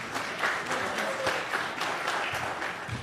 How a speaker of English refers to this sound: Give him a hand clap, would you please?